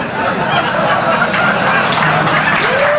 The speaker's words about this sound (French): Non, non, moi je reste sur l'applause, hein. J'ai pas entendu les sifflets, excusez-moi.